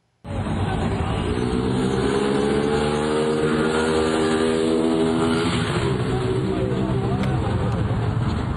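A motorcycle engine roars loudly as a man accelerates away on it, fleeing the scene of a chase with National Guard agents. Its pitch climbs as it accelerates and then eases slightly, with a steady throaty drone throughout.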